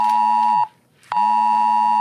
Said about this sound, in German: Auch folgender Ton wird zeitgleich auf tausenden Handys zu hören sein.